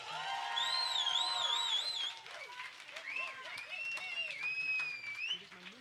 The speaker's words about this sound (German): Jetzt bitte nochmal einen dicken Applaus, weil das war der zweite und letzte Tanzpart.